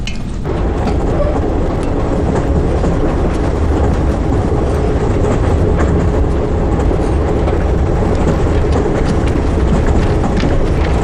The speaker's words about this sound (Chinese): 哎，去上海的火车经过苏州，哥哥为什么不从苏州下车呀？